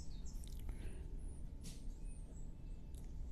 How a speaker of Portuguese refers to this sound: Gente, tem um passarinho raro. Parei agora, tem que escutar um passarinho raro que canta aqui, ó. Os antigos dizem, ele só canta ou na virada de tempo pra seca ou na virada de tempo pra muito chuva.